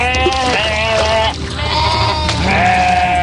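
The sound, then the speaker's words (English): Sheep aboard a livestock ship crossing the Red Sea bleat loudly, several overlapping wavering calls running back to back with a brief dip in the middle, and no one speaking. “But the articles describe how a livestock ship was tossing sheep overboard as they perished, crossing the Red Sea.”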